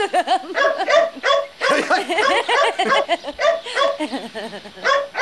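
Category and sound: animal, dog barking and whimpering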